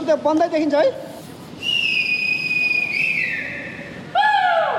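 Several short shouted calls at the start give way to a long, shrill whistle blast that dips in pitch, followed by a second whistle, all over a steady background rumble.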